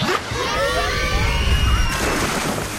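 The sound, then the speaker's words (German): A lively crowd of bathers at the Waldbad Templin outdoor pool in Potsdam on a sunny 25-degree summer day, with children shouting and squealing over a steady wash of chatter and occasional splashing water. “25 Grad, Sonne, da zieht's viele an den See oder ins Freibad.”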